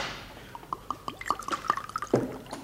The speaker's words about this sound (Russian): На рюмку налей, пожалуйста, воды из графина. Лучше в чашку. Да? Да, удобнее пить.